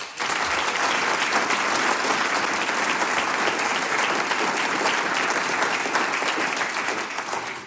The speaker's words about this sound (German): Herzlich willkommen beim Sänger- und Musikantentreffen aus dem Hengist-Zentrum der Gemeinde Hengsberg. Veranstalter heute ist die Gruppe Kultur Hengsberg. Wir bedanken uns schon jetzt für eure Gastfreundschaft mit einem großen Applaus.